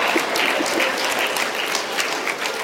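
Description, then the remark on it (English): A large crowd in a park near a race finish line applauds and cheers on a dog running beside its owner, a dense, steady roar of clapping that holds at the same loud level throughout, with no individual voices standing out. “Instead, the crowds were cheering on the 2-foot-tall runner with 4 running shoes and a tail wagging at my side.”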